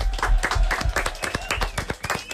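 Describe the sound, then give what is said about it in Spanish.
A crowd applauds, with dense overlapping claps forming a steady burst that carries on throughout, moderately loud, with faint voices mixed in underneath. “Aplaudiment.”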